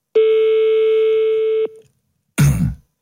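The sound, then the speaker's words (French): A single steady telephone ringing tone sounds on the line of a call to DPSG for about a second and a half, then after a short pause a brief, harsh noisy burst follows as the line is picked up. “Il est rouillé le téléphone.”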